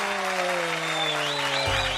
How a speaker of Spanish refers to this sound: El aplauso para los papás de Radio Cultural TGN. ¡Aplauso, aplauso, aplauso, aplauso, aplauso!